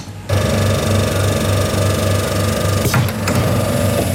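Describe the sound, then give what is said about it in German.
A coin-operated soft-serve ice cream vending machine at the Hof Müller farm shop in Schmallenberg-Niedersorpe dispenses into a waffle cone with a loud motor whir and a steady pulsing drone that kicks in abruptly and runs on, with a brief clunk partway through and no talking. “Frisches Softeis habe ich mir gerade hier geholt in Schmallenberg-Niedersorpe.”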